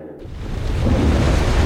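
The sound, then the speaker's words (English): A deep, rolling rumble of thunder swells up out of near silence and keeps building into a loud, sustained roar, like a storm breaking. “Suncorp knows Queensland can wreak havoc during storm season.”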